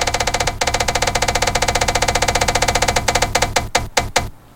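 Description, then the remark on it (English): A spinning prize wheel, spun to randomly pick where a toy bus will stop, ticks rapidly and evenly against its pointer, then the clicks space out and slow to a few last loud ticks as it comes to rest. No one speaks. “Okay, so we've randomly spun the wheel.”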